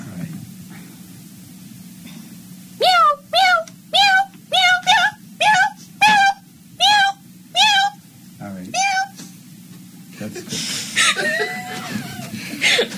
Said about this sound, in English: meow, meow, meow. Frantic meowing.